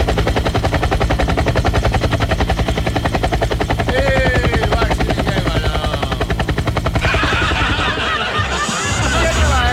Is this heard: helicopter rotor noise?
yes